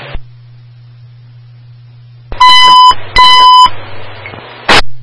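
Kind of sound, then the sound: signal or alarm, radio dispatch test tones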